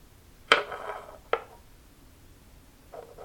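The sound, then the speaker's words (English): A glass rubs and knocks against a bamboo table: a sharp first contact with a ringing, scraping tail, a second shorter clack, then a faint soft scrape. No one speaks. “Combination of the glass rubbing up against the bamboo table.”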